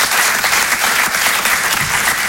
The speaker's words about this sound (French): on applaudit bien fort Emma